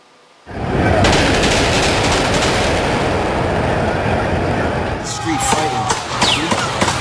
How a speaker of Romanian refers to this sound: Panică în cea mai cunoscută intersecție din lume după ce mai multe focuri de armă au răsunat în Times Square din New York.